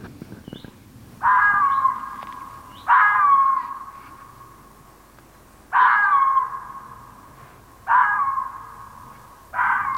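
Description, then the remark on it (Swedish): A female red fox barks five times at irregular intervals, each call a loud, hoarse, drawn-out yelp lasting under a second, against a quiet background with no talking. “Det här är en hona som skäller.”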